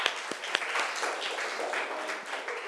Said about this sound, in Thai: โอเคค่ะปรบมือให้ตัวแทนจากกลุ่มที่5ด้วยค่ะ